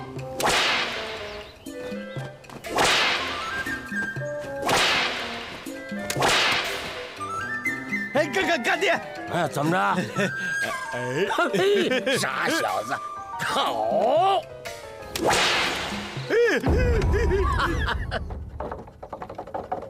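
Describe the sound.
Loud, sharp whip cracks snap out one after another every couple of seconds, with excited voices calling out in the middle and a final crack near the end. The whip is cracked to frighten girl soldiers at Mukezhai during a drill testing their composure.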